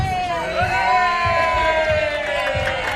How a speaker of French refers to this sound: Ces applaudissements, c'est pour l'entrée de la 9 millionième visiteuse de la foire.